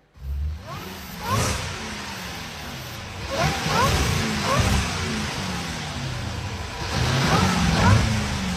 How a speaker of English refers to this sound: Plus, I played you a revving car from the We Buy Cars floor. You just have to identify, make, model, or closest to once again. Here's a reminder of that rev.